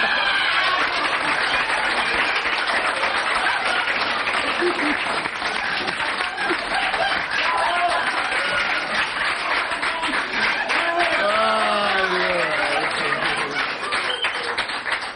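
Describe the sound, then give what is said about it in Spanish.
A crowd applauds loudly and steadily for about fifteen seconds, dense clapping merging into a continuous roar, with a few voices and cheers rising through it near the end. “Sigan los aplausos para que no se note que el cuentito estaba tomando algo.”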